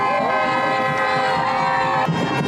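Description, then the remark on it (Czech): A loud street crowd in the capital of Cape Verde cheers and shouts continuously as the national football team rides through the streets, with horns tooting and a dense, celebratory roar filling the whole stretch, voices overlapping without pause. “No a takhle to znělo, když fotbalisté projížděli ulicemi hlavního města Kapverd.”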